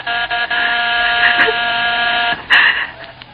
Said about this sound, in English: Suddenly, the doorbell stopped.